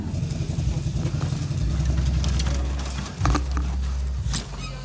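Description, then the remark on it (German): A truck engine idles with a steady, deep rumble throughout while the front of the truck is opened to show the engine; sharp metallic clicks and rattles, like a latch or panel being handled, break in over the drone. “Dürfen wir einmal den Motor? Ja, ja, mach vorne mal offen, ja.”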